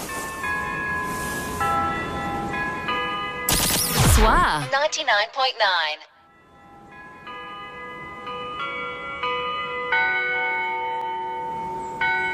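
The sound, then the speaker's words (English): Church bells peal in a steady, overlapping sequence of clear ringing tones, briefly interrupted by a loud burst of noise before the bells resume, continuous, ringing for church in the morning. “Aye, that there bell's been ringing these 10 minutes.”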